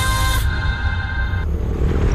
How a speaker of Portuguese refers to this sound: Amor, ouviu essa moto? Deve ser um entregador.